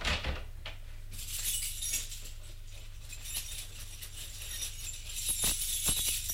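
Keys jingle and click as a desk drawer is locked with a key, a series of sharp metallic ticks and small rattles over a quiet hum, with no one speaking.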